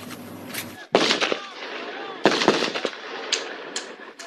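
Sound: gunfire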